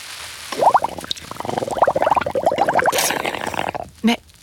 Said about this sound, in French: Mais qu'est-ce que tu fais à barboter dans le lavabo ? Ce n'est pas une baignoire.